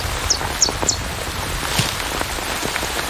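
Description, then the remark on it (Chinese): Steady, heavy rain hisses across the whole scene, with scattered drips sliding off tree leaves onto a nest of chicks, and a few faint, high chirps near the start. “雨下得更大了，雨滴顺着树叶滑落，淋湿了巢中的欧戈东雏鸟。”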